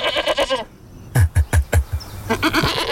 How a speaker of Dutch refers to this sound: Ja, er is dus echt een geitenversie van deze plaat